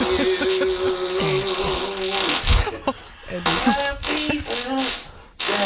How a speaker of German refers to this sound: Ja, na pass auf, weil der hat doch auch mal so schön Happy Birthday gepupst.